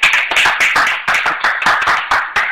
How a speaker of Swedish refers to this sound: Ja! Applåder!